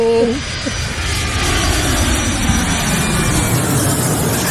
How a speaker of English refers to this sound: Can I get a dual plane flyover of the studio real quick for Coach Pizzo?